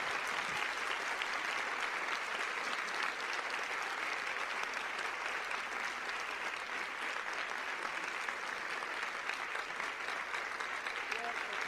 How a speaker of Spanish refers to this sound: Y le damos un fuerte aplauso al Señor.